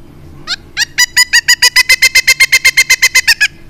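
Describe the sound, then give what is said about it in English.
A bird's wook wook (or kook kook) alarm call, made by both males and females to indicate territory or sound the alarm: a rapid series of about eighteen loud, harsh, mid-pitched notes, starting with a couple of hesitant calls, then settling into a steady, fast rhythm. No one speaks. “And it's used to indicate territory or sound the alarm when there are, you know, troublemakers abound.”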